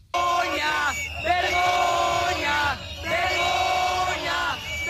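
A crowd of protesters shouts and chants in loud, sustained bursts inside the Consejería during police charges and the eviction of those gathered there. Many voices rise and fall together, with a brief lull between waves of yelling.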